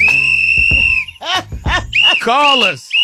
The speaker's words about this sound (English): Dr. Kim Lee, where that whistle at?